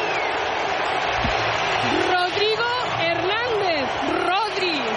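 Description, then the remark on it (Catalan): A stadium crowd applauds and cheers the star summer football signing, a 30-year-old from Madrid wearing number 16 and arriving from Manchester, in a steady, dense roar that never lets up, with voices rising and falling above the noise in the second half. “Aquí hi ha hagut molts, molts, molts aplaudiments.”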